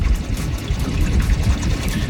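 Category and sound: vehicle, boat on water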